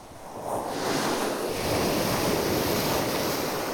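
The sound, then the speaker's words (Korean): Waves wash steadily over a round-pebble (mongdol) beach at Sinmyeong Beach in Ulsan, a dense hiss and rattle of surf that swells in the first half second and then holds loud and continuous, with no voices. “파도와 몽돌이 만들어내는 소리 다채롭고 신비롭기까지 합니다.”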